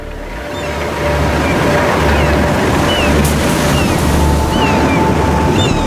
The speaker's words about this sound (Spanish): Pocas fuerzas de la naturaleza son más aterradoras que las olas en plena tormenta. La energía del océano lanzada contra la costa.